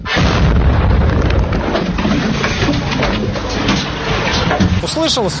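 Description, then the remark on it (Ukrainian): A powerful explosion in a residential district of Odesa, Ukraine, about 20 minutes after three guided air-launched missiles were fired at the city in the evening. Its dense, rumbling blast fills the whole stretch at high volume. A voice rises briefly near the end. “І вже за 20 хвилин пролунав потужний вибух у цьому житловому районі.”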